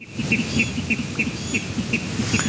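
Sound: water rail calls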